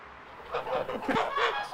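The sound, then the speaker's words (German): Chickens of old, endangered breeds, kept by a breeder with 150 birds, cluck in a quick run of short, nasal calls, moderately loud, with no talking, just a faint outdoor hiss underneath. “züchtet alte, vom Aussterben bedrohte Gänse und Hühnerrassen”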